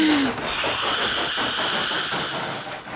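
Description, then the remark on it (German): A steam locomotive rolls in to a station platform with a loud, steady hiss of escaping steam, rhythmic chuffing puffs pulsing underneath, and a brief whistle-like tone at the start. “Gerade rollt er pustend und dampfend am Bahnsteig ein.”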